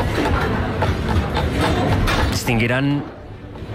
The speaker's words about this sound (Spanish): cubiertos, platos, agua, alguien cortando, troceando algo. Se escucha un movimiento de fondo. Este es el sonido de una cocina a pleno rendimiento. Es la cocina de la casa Gaibor en Guitiriz, en Lugo.